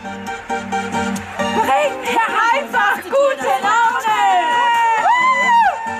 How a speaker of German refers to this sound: Mitten in Nürnbergs Innenstadt sind mehrere hundert Menschen versammelt. Sie feiern den Tag der Pflege.